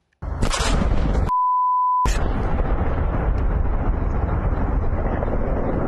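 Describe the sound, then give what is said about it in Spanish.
A loud, sudden blast of a large explosion at an industrial complex in Essex, England, followed by a heavy, continuous rumble, briefly cut by a steady electronic bleep tone. No one speaks. “Y una enorme explosión sacudió un complejo industrial en Essex, Inglaterra.”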